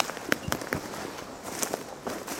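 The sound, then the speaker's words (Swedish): Footsteps of someone walking a few steps in the morning sun crunch over dry ground in an uneven series of sharp, crackly steps, moderately loud, with no talking. “Det är torrt, man hör att det är torrt. Det knastrar.”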